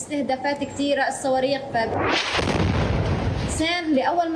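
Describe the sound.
A deep, rumbling explosion in Gaza, from attacks and missiles, bursts out mid-clip and fades over about a second and a half, with a voice speaking before and after the blast.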